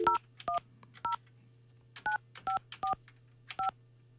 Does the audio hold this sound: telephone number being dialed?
yes